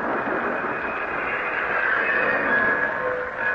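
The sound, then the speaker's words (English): A train rolls into an old town depot with a steady, loud rumbling hiss, and thin high squeals rise near the end as it slows into the station. No voices. “But finally, we pulled into the station.”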